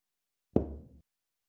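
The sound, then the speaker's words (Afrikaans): A single light knock on the inside of a wooden chest, with a short, hollow, resonant ring that fades within half a second. It is fairly quiet and stands alone in silence. “Hoor sy 'n ligte klop aan die binnekant van die kus.”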